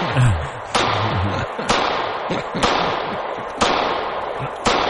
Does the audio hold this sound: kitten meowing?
no